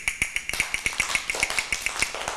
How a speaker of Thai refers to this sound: ก็จะให้เสียงสัญญาณการเคลื่อนไหวนะคะด้วยอุปกรณ์ชิ้นนี้อะไรเอ่ยกลับมือนั่นเองเด็กๆต้องฟังเสียงสัญญาณนะคะไม่ว่าจะเป็นสัญญาณจังหวะช้าสัญญาณจังหวะเร็ว